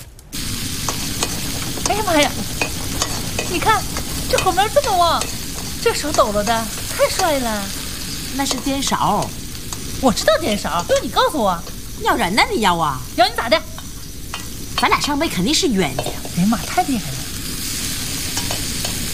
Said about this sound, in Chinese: 哎呀妈呀！你看，这后面这么旺，这手抖了的，太帅了。 那是颠勺，我知道颠勺。